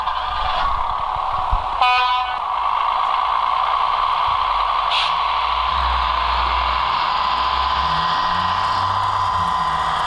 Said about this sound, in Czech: Který vlak právě odjíždí.